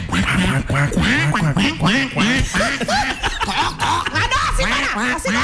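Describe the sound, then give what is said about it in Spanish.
A voice does rapid, raspy duck-like quacking, a steady stream of nasal squawks, with chuckling and speech mixed in throughout. “¿Usted sabe para qué el pato está hablando a las espaldas del amigo?”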